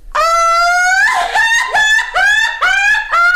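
A loud, piercing human scream, a so-called 'peroxide scream' (grito de peróxido), held high and shrill for about a second before breaking into a series of rapid, pulsing shrieks that keep the same strained pitch.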